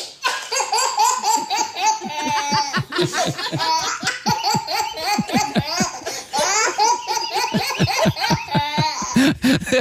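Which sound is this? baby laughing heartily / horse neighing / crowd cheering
baby laughing heartily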